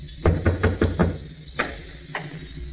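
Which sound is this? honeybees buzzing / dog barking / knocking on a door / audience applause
knocking on a door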